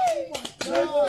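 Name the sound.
people clapping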